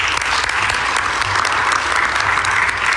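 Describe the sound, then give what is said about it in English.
A crowd at a gathering on behalf of the Haitian community claps steadily for the mayor, a dense, continuous wash of many hands with no break, loud and sustained throughout. “Please give her another round of applause.”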